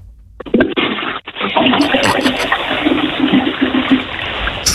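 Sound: toilet being flushed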